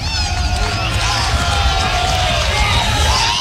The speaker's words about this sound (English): And the crowd that's hung around here for nearly 3 hours, chilled to the bone, making some noise.